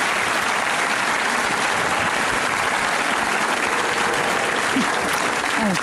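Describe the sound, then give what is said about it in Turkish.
Steady, dense applause from a crowd fills the whole stretch, loud and continuous, with many hands clapping at once and no pauses. “Tamam, şimdi alkış hak ettik.”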